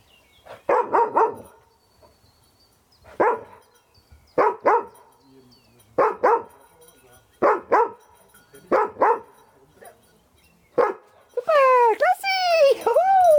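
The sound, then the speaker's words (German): A dog sniffing out a search exercise barks loudly in a series of sharp, irregularly spaced barks, some in quick pairs, finishing with a drawn-out, high-pitched whining yelp. “Er fängt an, du brauchst keine Angst an der Bellen.”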